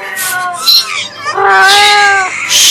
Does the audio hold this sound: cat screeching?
yes